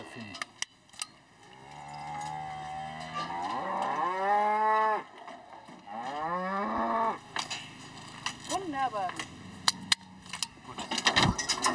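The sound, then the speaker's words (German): An Angus bull lets out two long, loud, drawn-out moos, then a shorter low call, with sharp clicks and metallic jangling scattered around them as new ear tags are clicked into the old holes in its ears. “Der Angusbulle hat seine Ohrmarken verloren.”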